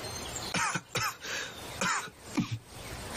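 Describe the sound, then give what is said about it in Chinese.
A man, an emperor, coughs for no apparent reason in several short, harsh bursts, fairly loud, with brief pauses between them and a throaty quality, no speech alongside. “玄灵无故咳嗽起来，玲珑忙去抚他的胸。”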